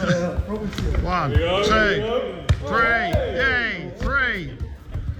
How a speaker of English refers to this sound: But in the lead up to the World Cup, we asked you a challenge to take part in because we gave you 30 seconds to see how many keepy uppers you can do in 30 seconds.